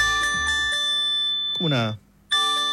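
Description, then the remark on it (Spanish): A phone's SAE earthquake alert test tone, played as a demonstration, rings out with steady, bell-like chimes, broken by a rising swoop. It cuts off briefly, then the chiming resumes, loud. “Como unas campanas.”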